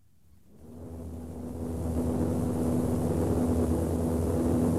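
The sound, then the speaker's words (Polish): A steady, droning aircraft cabin engine swells up from near silence within the first two seconds, then holds as a loud, continuous hum with a constant low tone and broad rushing noise; on board a University of Warsaw Astronomical Observatory expedition plane over Suwałki, above 5000 metres, in a 1954 Polish Radio broadcast. “Znajduje się w tej chwili na pokładzie samolotu ekspedycji naukowej Obserwatorium Astronomicznego Uniwersytetu Warszawskiego.”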